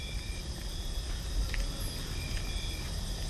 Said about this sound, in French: L'obscurité est présente et profonde, humide et suffocante. Le son est forme, le son est matière. Les grillons et crapauds buffles sont là pour nous le rappeler.